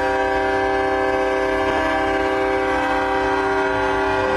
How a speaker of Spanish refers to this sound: También se hizo presente el Cuerpo de Bomberos en el desfile de independencia en sus camiones cisternas, con el característico sonido de su sirena.